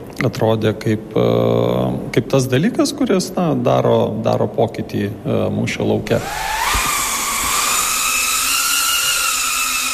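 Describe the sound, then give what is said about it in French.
A person talks for several seconds, then a small drone whirs up loud, its high, steady electric buzz rising slightly in pitch as it hovers and holds, at Drone House, a drone-piloting centre in the suburbs of Riga, Latvia. “C'est pour offrir un espace à ceux qui voulaient apprendre à piloter des drones”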